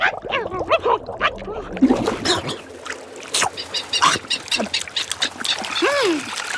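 Several albatrosses squabble beside a fishing boat over its bait fish, trading raucous, overlapping honks and squawks in quick bursts, with water splashing and churning beneath the calls as they plunge their heads under for fish.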